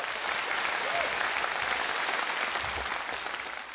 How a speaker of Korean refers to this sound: 가장 솔직하고 아름다운 언어로 감동을 전해준 손끝으로 피어내는 우리 팀에게 뜨거운 격려의 박수를 다시 한번 보내주시기 바랍니다.